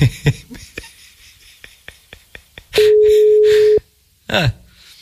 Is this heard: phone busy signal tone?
yes